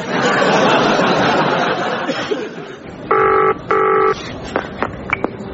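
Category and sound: household object, telephone ringing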